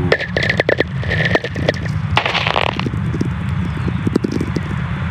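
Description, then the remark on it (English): Whistler radio tones caused by lightning, recorded by Stephen McCreevy in a Nevada desert: dense static crackle and sharp clicks, with a steady hum and faint, short tones gliding downward in pitch beneath the noise. “You hear these short, mysterious, gliding tones?”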